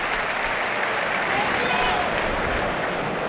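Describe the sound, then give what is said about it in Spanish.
A large stadium crowd at a football match applauds steadily as player Guido is substituted off, a dense, continuous wash of clapping and cheering that holds at an even loudness throughout, with faint voices mixed into the roar. “Aplausos para Guido.”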